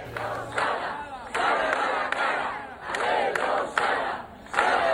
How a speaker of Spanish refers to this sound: Esto gritaban los cerca de 200 vecinos de Mos que se han concentrado hace unos minutos ante la subdelegación del gobierno en Pontevedra para reclamar respuestas a las demandas que el concello y los colectivos vecinales reivindican desde hace años